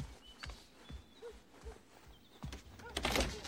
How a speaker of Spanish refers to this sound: Alguien llama a una puerta. ¿Tocan la puerta?